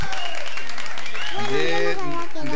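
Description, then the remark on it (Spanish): A short burst of crowd applause with dense clapping, loud, while voices rise over it during the second half, on a radio program as a listener wins a kilo of bread from Panadería Doña Negrita. “Fuerte los aplausos.”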